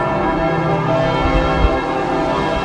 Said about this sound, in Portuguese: Às 9h58, quando o Papa Leão XIV aterrou em Paris, tal como anunciado, os sinos da capital tocaram durante 7 minutos.